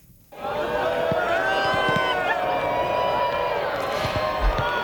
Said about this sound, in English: That's a crowd watching the solar eclipse, cheering as the moon moved in front of the sun, blocking its rays.